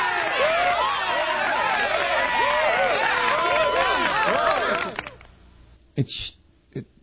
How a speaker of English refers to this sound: Which isn't bad. I mean, we'll give you a little applause for that.